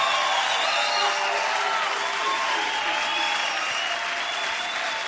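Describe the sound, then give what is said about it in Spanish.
An audience applauds the Lord loudly and continuously, a dense wash of clapping that fills the space for several seconds without letting up, with no one speaking over it. “fuerte aplauso al Señor.”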